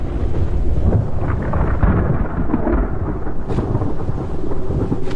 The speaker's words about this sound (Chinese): 此时所有的白鹳都已经回到巢里，坠落的雨滴带来了冷空气，温度较低的下沉气流使空中形成了弧状云，看来不久后将会发生强烈的暴风雨。